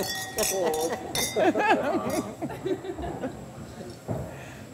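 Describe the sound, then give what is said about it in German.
Several glasses clink together in a quick cluster of bright chimes during a toast while a group of voices talks and cheers "Prost" over them, then the chatter fades. “Und ja, genießt. Viel Spaß. Prost. Prost. Prost. Prost.”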